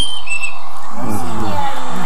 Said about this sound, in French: Le merle noir. Le merle noir avec son bec jaune.